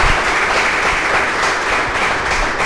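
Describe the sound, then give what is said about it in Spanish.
Steady applause from a group for an increase in provincial council (diputación) funding to the Club Baloncesto Zamora, a dense crackle of many hands clapping at an even, loud level for a few seconds without pause or voices. “Ojalá, un aplauso para ese aumento.”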